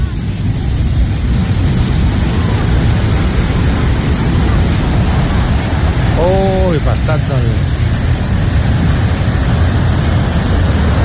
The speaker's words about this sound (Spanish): ¿Cómo suena ese río? Miedo, el sonido que tiene. Escuchen ese sonido, puro barro. Puro barro, ya te digo el lugar. Cayendo una. Un río de barro, esto es en, atención, en Alto del Carmen, tercera región.